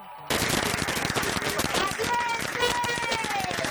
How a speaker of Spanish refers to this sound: Y así, con aplausos y gritos de valientes, fueron recibidos en Madrid, en Barajas.